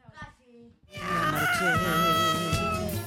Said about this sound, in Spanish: Había un gato por ahí protestando, ¿eh?